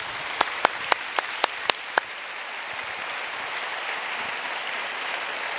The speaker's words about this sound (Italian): Sì, ci sta, un applauso.